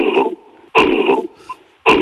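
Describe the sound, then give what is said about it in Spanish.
A voice imitates an angry gorilla's cough: loud, harsh, gruff bursts, three in quick succession, each rough and throaty with short pauses between. “O sea, los gorilas te hacen una tos, te hacen un...”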